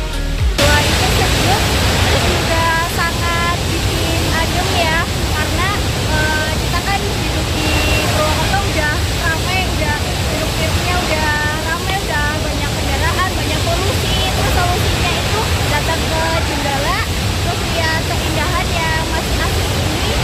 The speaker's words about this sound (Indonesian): di mana ketiga air terjunnya memiliki tinggi yang sejajar dengan aliran sungai nan jernih berbatu.